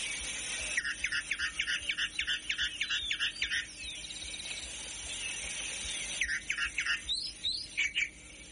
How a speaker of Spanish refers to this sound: No, íbamos en el auto escuchando la calandria, escucha.